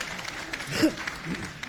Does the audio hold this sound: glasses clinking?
no